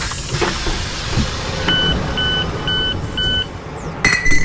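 Train door-closing warning beeps: four short, evenly spaced high electronic tones ring out over a steady hiss and low rumble, while a thin high whine slowly slides downward. No one speaks.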